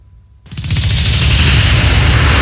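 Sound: explosion sound effect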